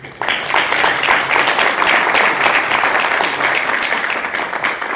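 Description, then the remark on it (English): A crowd breaks into steady applause to thank the keynote speaker, starting abruptly and holding at a loud, even level, many hands clapping in a dense, crackling wash with no voices standing out. “Can you please clap?”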